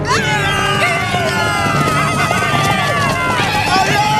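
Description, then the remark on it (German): Horses of Comanche riders neighing and galloping as they storm into Veggie Town shooting arrows in a Lucky Luke story, with loud, shrill whinnies rising over a steady rumble of pounding hoofbeats, and voices blending into the dense, continuous commotion. “Die Comanchen stürmen mit Pferden in die Stadt und schießen ihre Pfeile ab.”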